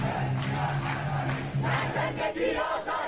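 A large crowd at the 2022 (1401) protests in Iran chants the slogan "Woman, Life, Freedom" in unison, voices rising and falling in a steady repeated rhythm, loud and sustained with shouting layered through the chant.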